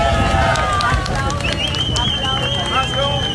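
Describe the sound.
A crowd of hundreds cheers steadily for a few seconds, a dense wash of overlapping voices with high shouts and whistles rising above it, loud and unbroken throughout, as a security guard trapped 8 days in a shopping center's rubble after Venezuela's twin earthquakes is brought out alive on a stretcher.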